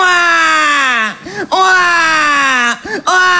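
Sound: baby crying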